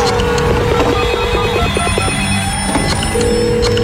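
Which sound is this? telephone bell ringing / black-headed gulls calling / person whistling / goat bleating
telephone bell ringing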